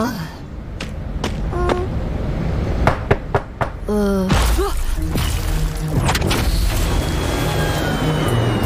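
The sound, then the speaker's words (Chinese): A handful of sharp raps in quick succession, like knuckles knocking on a door, come through over a busy background, with voices speaking around them. “没出息，区区一扇门有什么好怕的？年轻人要多锻炼，快去敲门。”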